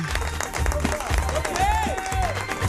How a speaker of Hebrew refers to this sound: כפיים לבחור, הוא עובד קשה.